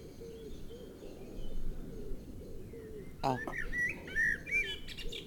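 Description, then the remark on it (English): A blackbird in a tree bursts into rich, fluting, clear song partway through, over a steady background of low, soft wood pigeon cooing that runs throughout the outdoor scene. “So, Blackbird, how is your time in the tree at the moment?”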